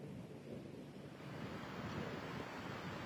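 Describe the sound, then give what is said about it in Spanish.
Waves wash onto a beach in a steady, rushing roar that swells a little louder partway through, with a windy hiss over the surf and no voices. “por ejemplo, los controles de salud pública en agua potable o en playas como esta.”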